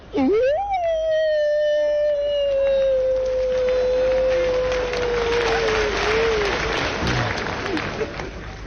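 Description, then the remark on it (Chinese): A voice imitates a wolf howl: a quick upward swoop into one long, steady, slowly sinking tone held for about six seconds, while applause and crowd noise swell beneath and continue after. “这是狼叫唤呐。”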